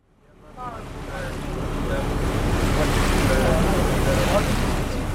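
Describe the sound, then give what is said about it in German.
A steady wash of water and wind rises quickly and holds as a boat pushes through the water, leaving the harbour of Gadkali for the mangrove forest of the Sundarbans in India, with faint voices or calls buried underneath. “Auf dem Boot, den Hafen von Gadkali im Rücken, geht es hinein in das tiefe und unendliche Grün der Mangroven.”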